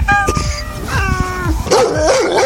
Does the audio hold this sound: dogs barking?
yes